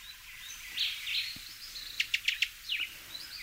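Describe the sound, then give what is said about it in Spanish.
A Cuban tody (Todus multicolor), a colourful bird about 11 centimetres long found only in Cuba, calls with a quick run of four sharp, high chirps, preceded by softer twittering and surrounded by a faint chorus of other birds. “Así suena el barrancolí cubano, nombre científico Todus multicolor.”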